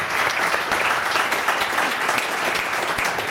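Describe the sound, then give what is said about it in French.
An audience claps steadily, a dense wash of many hands with no single beats standing out, holding at a constant loud level throughout with no talking over it. “Alors, on peut applaudir déjà.”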